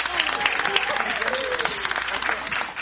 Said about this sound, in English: them a quick round of applause.